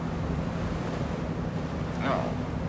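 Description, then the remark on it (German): A steady wash of sea surf rolls on continuously, mixed with wind rumble, while a muffled voice briefly rises near the end. “Naja, immerhin ein bisschen Sonne, Meer.”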